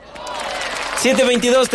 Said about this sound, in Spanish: Eran aplausos.